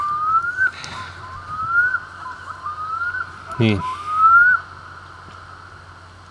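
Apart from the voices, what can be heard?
loon calling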